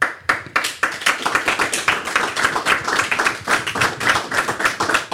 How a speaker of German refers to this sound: Da gibt es den Applaus.